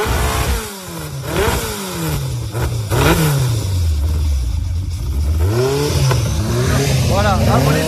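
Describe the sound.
A loud engine revs repeatedly up and down, its pitch sweeping through several rising and falling surges, with some voices in the background.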